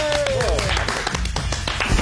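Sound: hand clapping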